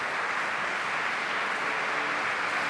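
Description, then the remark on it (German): A concert audience in the Konzertkirche in Neubrandenburg applauds Ursula Haselböck, director of the Festspiele Mecklenburg-Vorpommern, in a steady, dense wash of clapping that holds at an even, moderate loudness throughout, with no voices on top. “Wir hören jetzt im Saal gerade den Applaus für Ursula Haselböck, die Intendantin der Festspiele Mecklenburg-Vorpommern, die das Publikum in der Neubrandenburger Konzertkirche begrüßt hat.”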